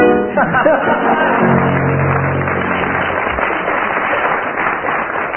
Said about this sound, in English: I didn't tell you, teams, that I should be awarding marks according to the strength and volume of the audience applause.